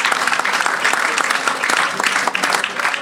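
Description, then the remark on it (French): An audience at Collège Notre-Dame claps steadily for the students, a dense, continuous patter of many hands at a fairly loud, even level with no talking over it. “encore applaudir les élèves pour cette belle option.”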